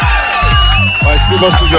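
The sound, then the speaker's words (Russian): A loud crowd cheers and whoops over a wash of applause, with voices rising and falling in excited shouts for a couple of seconds, played on the Europa Plus radio morning show. “и эти аплодисменты для вас прямо сейчас.”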